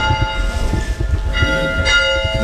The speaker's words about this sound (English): The township also maintains a historic one-room schoolhouse next to the cemetery, which served students of all ages for about 60 years, beginning in the late 1880s. We park outside and head in. He rings the school bell.